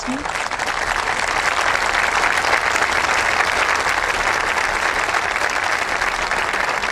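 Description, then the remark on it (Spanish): A large audience, moved by a migrant trafficking victim's testimony, applauding steadily, a dense, sustained wash of clapping that holds at an even, loud level for the whole stretch with no voices standing out. “Aquí escuchamos los aplausos del público emocionado por ese testimonio.”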